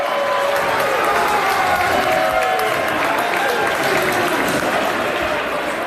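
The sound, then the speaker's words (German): A hall full of Swiss football fans in red-and-white jerseys applauds and cheers at the final whistle of Switzerland's 2:0 World Cup win over Algeria, early in the morning: steady dense clapping with crowd noise and scattered voices throughout, loud, sustained for the whole stretch. “Und wo dann klar ist, als die Schweiz im Achtelfinal steht an der WM, dank dem 2:0 gibt es Applaus zum Schlusspfiff.”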